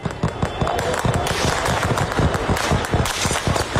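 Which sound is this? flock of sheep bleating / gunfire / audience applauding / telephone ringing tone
gunfire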